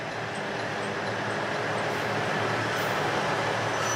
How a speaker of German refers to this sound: In Nanao treffen sich der Hana Yomenoren und der Satoyama Satomi, der Ausflugszug der Noto Railway.